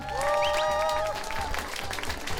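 An audience claps steadily as a Korean band's musicians are introduced one by one, a dense wash of applause, with a few brief whistles or cheers rising above it near the start.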